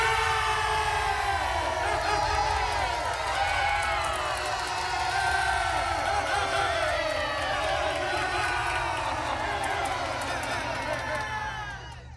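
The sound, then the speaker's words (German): The people of Israel cheer for King Saul: a large crowd cheers and shouts nonstop, a dense, loud roar of many voices with high wavering whoops rising over it, tapering off only in the final moment. “Er vertrieb die Feinde aus dem Land und das Volk jubelte.”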